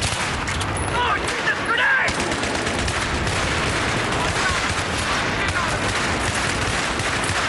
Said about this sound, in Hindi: अचानक दुश्मन सैनिकों ने भारी तोपों से गोले बरसाने शुरू कर दिए थे और पोस्ट पर हमला बोल दिया।